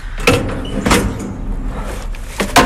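A heavy 80-litre metal hatch door on an underground waste bin between apartment buildings is opened, giving several sharp clanks and thuds spread over a few seconds against a low outdoor rumble.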